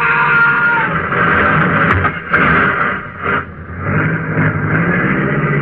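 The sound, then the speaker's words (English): A car roars along at speed, its engine a loud, steady rumble that fills the whole stretch with only brief dips, sounding continuous. “Stop! Stop that car, you!”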